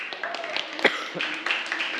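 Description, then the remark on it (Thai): A class claps their hands together in a dense, steady burst of applause for group 1, who are about to present their poster. A few sharper claps stand out and voices are mixed in underneath. “เดี๋ยวเราขอเสียงปรบมือให้กับกลุ่มที่1หน่อยนะครับ”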